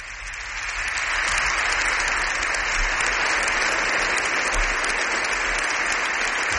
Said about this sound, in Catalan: Sembla que tothom està aplaudint, no? O hi ha algú que no? Doncs sembla que sí, tothom està aplaudint.